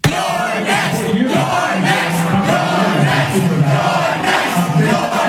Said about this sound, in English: That is the crowd of overwhelmingly young, white, high-income progressives chanting, "You're next," as Hakeem Jeffries comes on television